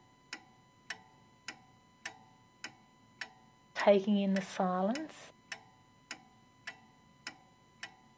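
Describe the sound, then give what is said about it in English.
A clock ticks steadily and crisply, roughly twice a second, fairly quiet; a man speaks briefly partway through while the ticking continues. “sometimes I actually really enjoy turning off the radio and just listening to that ticking clock, and in a sense, I suppose, taking in the silence.”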